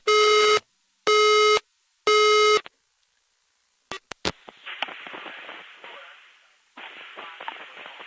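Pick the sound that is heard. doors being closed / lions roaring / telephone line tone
telephone line tone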